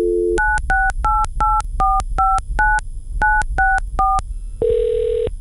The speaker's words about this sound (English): In thinking about who I wanted to talk to about this, I decided to pick up the phone and make a call.